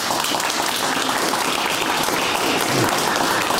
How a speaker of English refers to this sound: But thank you very much. Big round of applause, please.